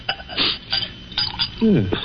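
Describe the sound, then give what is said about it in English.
Glassware clinks a few times, bright irregular taps as brandy is poured into a glass, with a brief low voice sound near the end. “Then perhaps you wouldn't mind pouring me a little.”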